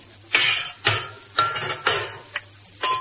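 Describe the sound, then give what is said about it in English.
A hammer bangs on a motor in a steady series of about six sharp, clanging metal strikes, roughly twice a second, each leaving a brief metallic ring, as someone tries to tune up the motor, with no one speaking. “They tune up the motor. Oh, I haven't reached that lesson either. Well, who needs a lesson for that? There can't be but one way to tune up a motor. Hand me that hammer.”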